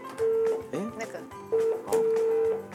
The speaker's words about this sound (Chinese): 哎呀，这电话响嘞。